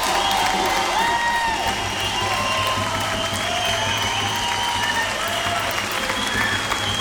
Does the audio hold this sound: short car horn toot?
no